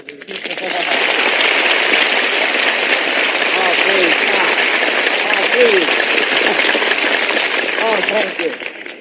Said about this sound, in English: Please, no applause, no applause. With all that applause that sets up a big wind, I'll catch a cold and wind up sounding like Tallulah Bankhead.